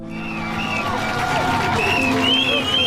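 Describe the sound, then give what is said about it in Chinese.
A large crowd of over 400,000 spectators gathered at the harbour at dawn cheers and chatters steadily, seeing off sailors departing on the tenth Vendée Globe solo non-stop round-the-world sailing race, with high whistles rising and falling over a dense wash of many voices and scattered clapping. “晨曦中，有40多万名观众从四面八方赶来，他们聚集在港口，为即将踏上征程的水手们助威送行。”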